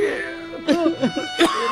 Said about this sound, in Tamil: ஐயோ இப்படி இருமுறீங்களே, எனக்கு பயமா இருக்குங்க.